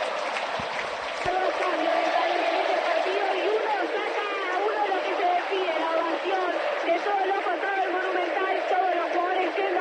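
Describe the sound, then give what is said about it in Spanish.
A large stadium crowd gives a sustained farewell ovation for world champion defender Otamendi, cheering and applauding continuously at a steady, loud level for the whole stretch, with a dense wash of voices and clapping. “Merecida despedida Otamendi, con ovación como corresponde a un campeón del mundo, a un defensor que supo estar en la élite del fútbol”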